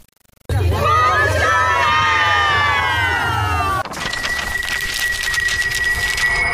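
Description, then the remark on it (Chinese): A loud, lively crowd cheers and shouts continuously at a rice-ear pulling competition at the new-rice tasting festival in Qietuo Village, Puxiong Town, Liangshan, with many overlapping excited voices and whistles, dense and energetic throughout, shifting abruptly midway to a slightly different roar with a steady high tone. “我现在在普雄镇且托村的尝新米节体验基地，这里正在举行喜获丰年的拔稻穗比赛，现场太热闹了，刚刚看了第一轮，我都想来体验一把了，走。”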